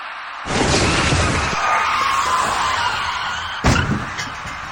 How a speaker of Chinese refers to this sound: 这辆工程车在行驶过程中并没有受到其他车辆的影响，而是因为轮胎出现了爆胎，导致工程车瞬间失去平衡，在撞上路中隔离带后横过了自己的车身。